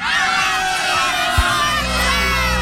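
A large crowd at a party in Galați shouts together "Galați e forță!" after a 3, 2, 1 countdown, a loud, dense roar of voices sustained for a few seconds like a chanted call, with a brief low thump partway through.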